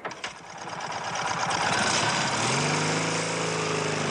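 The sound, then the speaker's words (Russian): A police inspector's small motorcycle engine sputters to life at once with rapid chugging, then revs up, its pitch climbing into a steady, loud whine as he sets off in pursuit. “Он подбегает к своему мотоциклу, двигатель сразу заводится.”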